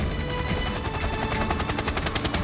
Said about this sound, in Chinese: 书记，直升机好像来了。